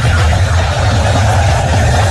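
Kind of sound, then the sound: nature, heavy rain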